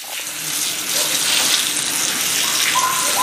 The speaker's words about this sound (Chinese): 我们帮犬舍给它冲洗一下。 好呀。哦，我们这个每个犬舍的底下都有接一个水龙头。 对，这样打扫起来方便一点。 直接冲就好了， 对， 是吧？ 随时给它整干净，冲一下。